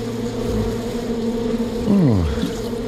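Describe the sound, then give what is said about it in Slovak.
A steady, droning buzz of bees at an apiary fills the air, with one insect swooping past, its pitch dipping as it passes. No voices are heard. “No, teraz nesmieš von zo včelína, lebo keď včeli zacítia sladké, hneď sú na tebe.”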